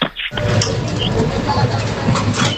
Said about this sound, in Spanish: Ese sería al pasar el vidrio por el código de barras